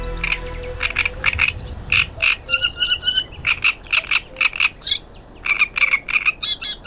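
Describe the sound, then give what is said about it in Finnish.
A great reed warbler sings a loud, grating song of harsh, croaking notes repeated in quick, rhythmic bursts, with brief pauses between phrases, over a low steady background hum. “Suomen ensimmäinen rastaskerttunen havaittiin vuonna 1930 Helsingin vanhan kaupungin lahdella.”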